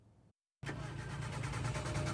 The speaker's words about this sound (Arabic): يستيقظ العديد من أهالي دير الزور منذ عدة أيام على أصوات محاولات إقلاع محركات سيارات ودراجات نارية، لكن من دون جدوى، وذلك لتعطلها بسبب مشكلات ناتجة عن رداءة البنزين.